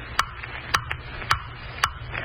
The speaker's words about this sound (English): Ticking. Stop ticking. I hear you. Blasted clock. I hear you. What are you trying to tell me? I know. There isn't much time left.